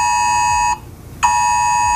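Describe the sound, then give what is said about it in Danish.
A loud, harsh electronic alert tone from a phone emergency broadcast test, a steady buzzing chord that cuts out briefly for about half a second, then resumes at full strength. “Og ja, der bliver testet sirener lige nu, så hvis du har et åbent vindue, så kan du nok høre det derude, eller også så kan du høre sirenetesten på din telefon, eller har lige hørt den her lyd.”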